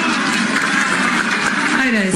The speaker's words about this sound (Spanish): No sé por qué lo aplauden, es los de la ONP, pensionistas de la ONP.